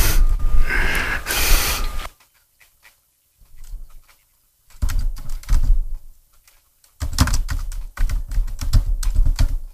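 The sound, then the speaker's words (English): Rapid clatter of keys on a computer keyboard, typed in bursts with short pauses between, fairly loud, with a brief breathy rush near the start and no talking. “I'm just not typing a whole path name.”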